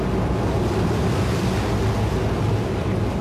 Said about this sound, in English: Sounds like the ferry to Rotto.